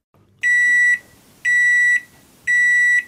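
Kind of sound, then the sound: household object, microwave oven beeping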